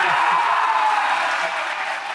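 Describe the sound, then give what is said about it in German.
Loud, continuous crowd applause and cheering, a dense wash of clapping with raised voices that holds steady throughout before easing slightly at the end, celebrating Munich winning the selection as Germany's candidate city for the Olympic Summer Games. “Der Jubel war groß gestern.”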